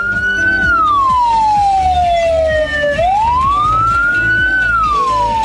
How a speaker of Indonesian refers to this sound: Bunyi yang keempat, frekuensinya paling lambat dan unik, yang berarti mobil ambulans sedang membawa jenazah.